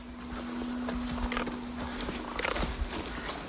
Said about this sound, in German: Aber erstmal geht's mit Theo ausreiten.